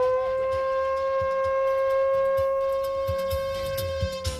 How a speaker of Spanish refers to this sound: Ahí va, por último, una sirena.